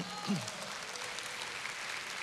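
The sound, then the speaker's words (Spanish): A church audience applauds in a steady, dense wash of clapping throughout, with a brief voice rising over it near the start. “Sin aplausos.”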